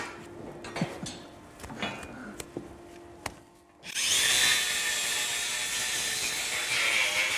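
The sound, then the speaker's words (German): Scattered knocks and clicks, then an angle grinder trimming a cow's hooves cuts in loud, running as a steady, harsh high-pitched grinding hiss without pause to the end. No voices. “Also für die Kuh ist das, denke ich, relativ egal, ob die jetzt mit der Flex oder mit dem Messer.”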